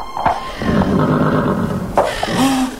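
A horse neighs loudly, with two sharp whinnying bursts over a continuous rough, breathy rumble lasting a few seconds; it is one of two grazing horses without saddles or bridles, between mountain peaks.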